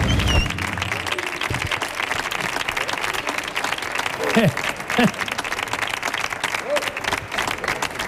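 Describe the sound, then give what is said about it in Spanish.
Sustained applause from the audience of the Canal Sur Radio show El show del comandante Lara after a harmonica performance, dense steady clapping throughout, with a few brief shouts or cheers rising above it. “señoras y señores, otro aplauso más, que siga el aplauso.”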